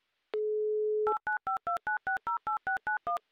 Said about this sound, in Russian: Номер телефона мы набрали. Ждем соединения, после которого будем засекать 30 секунд положенного времени.